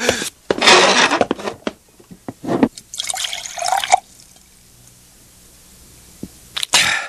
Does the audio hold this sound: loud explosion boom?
no